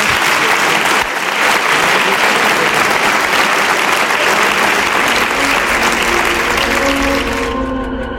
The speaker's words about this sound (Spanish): Os pido un aplauso para ellos, ahora.